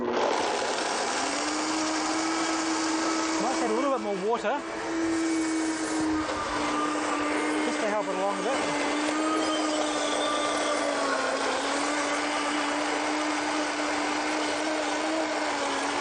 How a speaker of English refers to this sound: Okay, let's blend it, see what it turns out like.